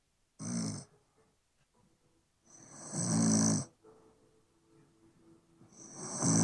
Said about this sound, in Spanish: ¡Ronca, po, weón! ¡Ronca! ¡Mi señora ronca, weón! ¡Ronca! Me decían que no ronco. La grabé anoche, weón.